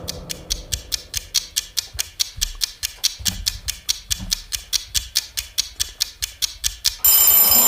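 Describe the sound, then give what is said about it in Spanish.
A countdown timer for a board-game vote ticks steadily and quickly for about seven seconds, then a loud, bright timer bell rings out to end the countdown. Nobody speaks. “Qué bonito suena el timbre este.”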